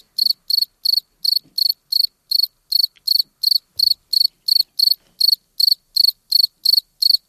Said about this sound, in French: Voilà, quand le grillon a été enregistré, il faisait 28 degrés. Pas de doute, on est bien en été.